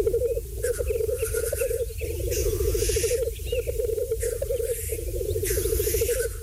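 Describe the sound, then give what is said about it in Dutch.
Black grouse at a mating display: a continuous low, rhythmic bubbling coo rolls on throughout, broken every second or so by harsh, hissing sneeze-like calls, with no talking. “In de Volkskrant gaat het over de in Nederland ernstig bedreigde korhoen. De vogel is wereldberoemd vanwege zijn uitbundige paringsdans.”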